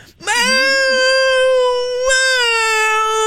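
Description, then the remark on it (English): A woman imitates her cat's cry with one long, loud, nasal wail that holds a steady high pitch for about three seconds, with a brief catch partway through. No other voices or sounds. “doing her impression of her cat being BBC'd.”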